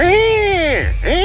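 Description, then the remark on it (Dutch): A person imitates a threatening buzzard call with two loud, drawn-out, descending cries, the second shorter and quickly following the first. “En als je je afvraagt hoe een dreigende buizerd klinkt, zo.”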